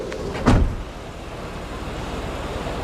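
A car engine idles with a steady low rumble as passengers get in, broken near the start by one solid thump like a car door being shut. No one speaks.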